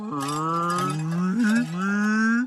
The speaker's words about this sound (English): Why do cows keep coming here to play all of a sudden? Well, maybe there's something here they really like.